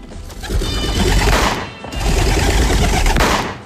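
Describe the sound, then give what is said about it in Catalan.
Two loud shotgun blasts go off one after the other as two shooters fire at two pigeons released by a referee, each a harsh, booming burst that rolls on for about a second before fading. No voices are heard. “L'àrbitre deixa anar els dos coloms. L'Anny i en Frank disparen.”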